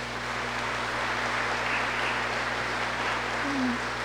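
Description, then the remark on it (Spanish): An audience applauds steadily for about four seconds, a dense, even wash of many hands clapping at a constant, fairly strong level, with no voices over it. “Un fuerte aplauso, Dios les bendiga.”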